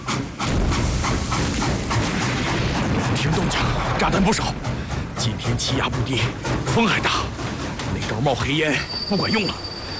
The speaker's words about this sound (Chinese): 听动静，炸弹不少。